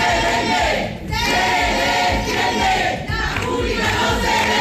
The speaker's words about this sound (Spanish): El acto se ha tenido que suspender después de que los alumnos hayan acusado a gritos al consejero de acabar con la universidad pública para beneficiar a la privada.